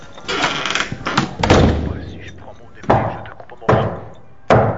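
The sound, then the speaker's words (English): Herman saunters to a door and it is opened, with a cluster of sharp clunks and rattling at first, then a few separate knocking thuds spaced out over the next few seconds, with brief muffled vocal sounds mixed in. “Herman saunters to the door.”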